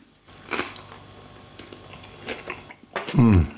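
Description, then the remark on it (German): Biting and chewing on a crisp wrapped roll with ginger and melon, dipped in lemon-ginger dressing: a few crunchy bites and moist chewing sounds, then a brief voiced murmur at the end. “In das Zitronen-Ingwer-Dressing kann man es noch rein dippen, dann abbeißen.”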